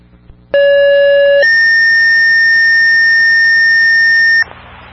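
Two sustained electronic fire dispatch paging tones play in sequence, a lower steady tone for about a second followed by a higher one held for roughly three seconds, loud and clean with no voices, as Southampton tones out a still alarm to Aylworth and LaGrange for a one-car accident with a possible medical emergency.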